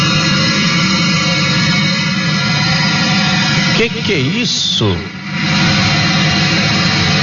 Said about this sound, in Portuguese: Gente, esse barulho é dentro do ônibus.